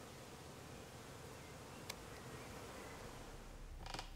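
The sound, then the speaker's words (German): A steady buzzing of honeybees around a queen bee, being collected with a few attendant bees, fills the whole stretch, a low dense drone with brief sharper clicks or taps partway through and near the end. “Die kann ich dann jetzt mit ein paar Begleitbienen einsammeln.”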